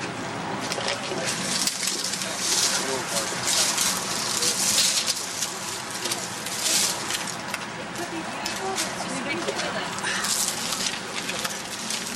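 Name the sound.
flowing river water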